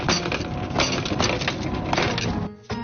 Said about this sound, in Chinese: 泥坨子烤好了，再怎么开呢？我们 拿锤子把它敲开。